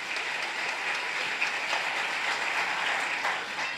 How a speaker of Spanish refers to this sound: ¿Cuántos queremos vivir bendecido? A ver, vamos a dar un fuerte aplauso para el Señor, los que estamos bendecidos.